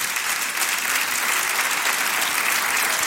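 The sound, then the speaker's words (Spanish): A church audience applauding the Lord for his word, dense overlapping claps forming a loud, continuous wash of bright noise that holds even for the whole stretch, with no voices rising above it. “Aplauda si le va a aplaudir al Señor por su palabra.”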